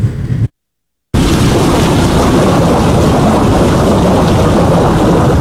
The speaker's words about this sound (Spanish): Conforme avanza la época lluviosa, las tormentas son cada vez más intensas en Costa Rica, y esto podría representar un riesgo eléctrico